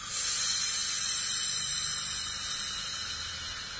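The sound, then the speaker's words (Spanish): After a breath in through the nose, held two or three seconds with a hand pushing on the diaphragm, a long, steady breath is pushed out through the mouth, a soft airy hiss lasting a few seconds and tapering slightly at the end, with no talking. “Empujo mi manito en el diafragma, mantengo 2 o 3 segundos y largo el aire por boca.”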